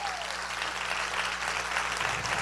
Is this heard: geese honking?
no